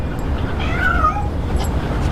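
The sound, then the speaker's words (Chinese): A cat lets out a drawn-out, wavering yowl, rising and bending in pitch like a caterwaul, heard clear over a steady low background rumble with no talking. “谁虐猫呢？”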